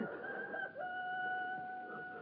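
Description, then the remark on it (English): A rooster crows in a single long, drawn-out call, its steady strained tone holding for a couple of seconds with no voices present. “the cock crew.”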